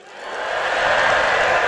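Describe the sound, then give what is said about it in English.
A large audience in the Opry House bursts into applause and cheering during a live radio show, swelling quickly from a quieter start into a dense, steady roar of clapping and shouts that holds loud to the end. “So yes, when y'all clap and cheer and get excited here in the Opry House, that means everybody who's listening on the radio can hear it.”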